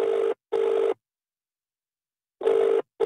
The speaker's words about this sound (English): I have one last digit to call, and we are going to see if we can get Lisa Paddington on the phone right now.